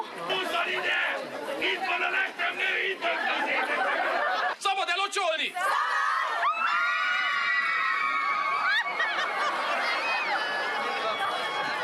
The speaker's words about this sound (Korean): 사람들이 환호하고 지금 난리가 났어요. 오!